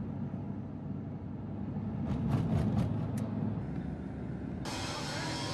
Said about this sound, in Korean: 탁실라는 페샤워르로 가는 길목으로 화려하게 꾸민 트럭들이 도로를 달립니다. 말 그대로 달리는 예술품, 트럭 아트입니다.